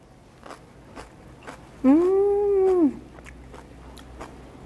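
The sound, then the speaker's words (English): Crunchy chewing of fresh, slightly blanched kimchi, with a steady series of wet crisp bites throughout and a brief hummed 'mmm' of a voice in the middle. “Really crunchy and also a little bit chewy because we slightly blanched it.”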